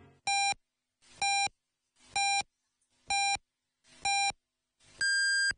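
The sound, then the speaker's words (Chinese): A radio time signal marking 17:00 Beijing time on Yanbian Radio and Television's traffic and arts station, FM 105.9: five short, evenly spaced electronic beeps about a second apart, followed by a longer, higher-pitched final beep, clear and alone with no talking. “北京时间17点整”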